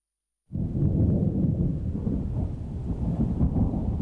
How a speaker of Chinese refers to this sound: 四月底的广州渐渐沉闷潮湿起来，远处滚过的雷声预示着一场暴雨即将来临。